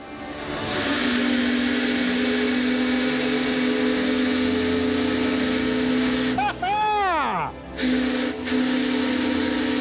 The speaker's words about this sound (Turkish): Çalışıyor. Evet. Çalışıyor, şuna bak. Şuna bak. İşte oldu. İşte böyle. Çalışıyor. Evet, bu bir buhar motoru.